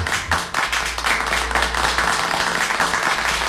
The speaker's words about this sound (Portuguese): Dá os aplausos, dá os aplausos pro menino dela.